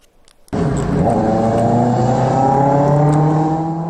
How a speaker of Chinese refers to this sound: 市民拍摄的画面显示，深夜车流稀少，但两轮电动车制造的轰鸣声格外刺耳，严重扰乱城市道路交通秩序。